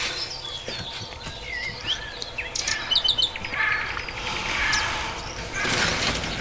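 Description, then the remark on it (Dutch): Recorded song of local German garden birds: several birds sing and chirp, with bright overlapping whistles and rapid trills scattered throughout, some clear, others fainter in the background. “Heel wat lokale vogels.”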